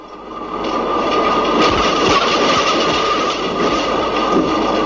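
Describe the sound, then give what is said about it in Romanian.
A tram rolls along its rails, a loud steady rumble with a faint whine and occasional clacks from the wheels, no voices over it. “Bă, da, dar nu știu unde să las tramvaiul până atunci.”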